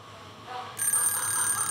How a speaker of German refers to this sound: Mein Wecker hat um 5 Uhr geklingelt. Nicht meine Zeit.